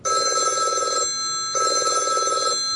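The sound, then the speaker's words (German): A telephone rings in two loud electronic bursts, each about a second long with a short silent gap between, a steady trilling tone with no voices. It is the alarm call to the volunteer staff of the baby hatch in Karlsruhe, signalling that the hatch has been opened. “Für viele Menschen nur ein Klingelton. Für die ehrenamtlichen Mitarbeitenden der Babyklappe in Karlsruhe ein Alarmsignal.”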